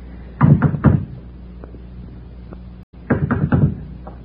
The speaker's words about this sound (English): Go ahead, knock.